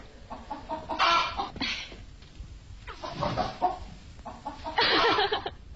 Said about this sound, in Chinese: 婶子，你家老母鸡就在灶王爷的窑窝里下蛋呢。